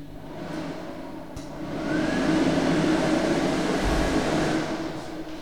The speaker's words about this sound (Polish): Mogę włączyć suszarkę.